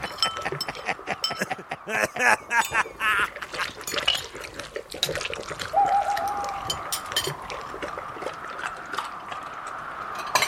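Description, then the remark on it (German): A busy flurry of sharp glassy clinks and taps, with a brief ringing tone as glasses touch in a toast, along with faint pouring and murmuring voices in the background. “Ja, komm, da trinken wir einen drauf. Hey, anstoßen, nicht aufstoßen.”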